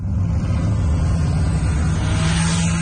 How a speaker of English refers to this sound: It has been determined that 17th is a hotspot for noise generation in the city of Calgary. Inspector Bradley Johnson with the city's traffic safety team says they'll be targeting the drivers of noisy modified vehicles in a clampdown called Operation